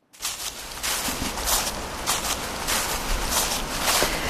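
Footsteps of a man walking through dead leaves in late autumn, crunching under his shoe soles in a steady walking rhythm of crisp, crackly bursts repeating about every half second against a constant rustling hiss, with no voices.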